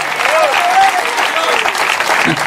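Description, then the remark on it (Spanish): An audience applauds for the Lord with steady, dense clapping that fills the whole moment, while a few faint voices and a brief high call rise above the claps. “Debe verte ese aplauso si es para el Señor.”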